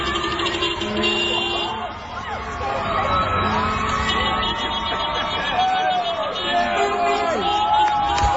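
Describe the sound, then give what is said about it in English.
Newcastle Knights fans lining the streets of Newcastle, waving flags and scarves as the team bus arrives home, cheer and whoop in a dense, continuous crowd roar, with steady sustained car horn tones blaring through the noise and shouts rising and falling throughout. “Here's a bit of what it sounded like.”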